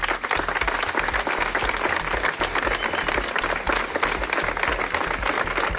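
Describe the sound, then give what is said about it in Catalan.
A large crowd gives a sustained ovation of nearly three minutes, closing a commemorative event for the victims of the DANA after three minutes of silence and a flower offering; dense overlapping claps form a steady, loud wash of sound that holds without pause throughout. “Després dels 3 minuts de silenci i de l'ofrena de flors que han fet les víctimes de la Dana, una prolongada ovació que també, quasi 3 minuts, ha tancat este acte commemoratiu.”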